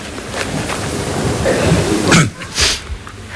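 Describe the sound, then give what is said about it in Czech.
Someone blows their nose with a long, breathy honk, followed by a couple of short, sharp snorting bursts. The sound is fairly loud, with no one talking. “Smrkneme, takže.”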